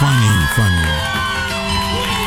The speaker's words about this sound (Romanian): Cine aplaudă? Oamenii.